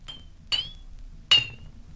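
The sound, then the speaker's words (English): Three bright, ringing taps on an empty glass bottle, spaced unevenly, each with a clear high pitched tone that rings briefly before fading; fairly crisp, with no voices. “Number seven was an empty bottle.”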